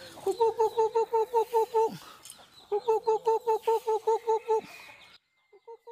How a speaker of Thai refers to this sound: แต่ที่บอกว่าหัวจะปวดเพราะว่าวัดแห่งนี้ในจังหวัดเพชรบุรีเจอทั้งไก่ชนไก่แจ้รวมๆกันเป็นร้อยตัวครับ